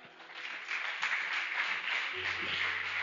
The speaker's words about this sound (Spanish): Dale palmas al Señor.